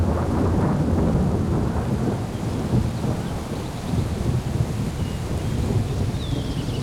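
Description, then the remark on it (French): A thunderstorm with a continuous low rumble of rolling thunder and steady rain, broad and fairly loud throughout, with no voices. “L'orage s'est déplacé au dernier moment. On n'a reçu que quelques gouttes.”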